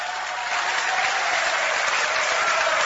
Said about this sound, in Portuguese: Aleluia. Mais fortes palmas misturado com glória a Deus.